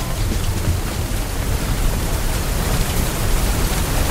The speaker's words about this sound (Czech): Prší. Taky u vás prší. Pokud ne, nebojte, to dojde.